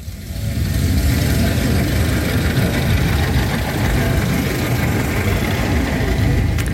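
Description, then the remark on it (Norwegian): A vintage car engine runs steadily while driving, a loud, continuous low rumble with a rough, throbbing texture that holds constant throughout, with no voices. “Og apropos motoren, vi skal jo høre lyden av en I fart.”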